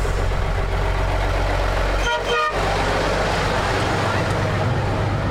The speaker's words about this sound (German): Hier kommt schon ein Bus. Hier kommt der Bus, ja. Kommt da.